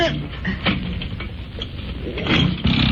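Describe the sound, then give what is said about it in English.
A boat engine cranks and sputters with a rough, rhythmic churn, then catches and grows louder and steadier toward the end. “I thought you were going to do something about starting the engine.”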